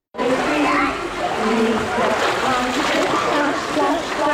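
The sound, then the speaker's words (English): Continuous splashing and sloshing of water at a swimming pool in Plymouth where young children and babies learn to swim, echoey and steady throughout, with faint voices and children's chatter in the background. “Here at this pool in Plymouth, they're starting early.”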